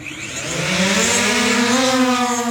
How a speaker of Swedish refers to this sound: Från att beställningen kan landa i trädgården inom en timme i ett tiotal områden så ska drönare enligt planen leverera till 500 amerikanska städer senare i år. Take off!